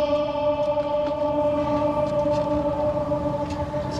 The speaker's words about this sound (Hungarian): Van itt egy kis ablak, ahol be lehet egyébként kiabálni, nem tudom, mennyire adja vissza a mikrofon. Mindjárt kiberül. Igen, tehát a rácsokon be lehet kiabálni, azért már van ennek most is visszhangja.